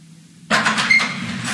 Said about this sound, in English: I'm opening the front door wide so we can scare it out of here.